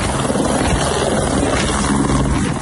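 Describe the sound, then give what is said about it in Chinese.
A helicopter in Nepal, transferring a rescued Chinese worker to a hospital, roars with loud, steady engine and rotor noise filling the whole stretch with a dense, churning thrum and no voices. “获救后通过直升机转运至后方医院接受治疗。”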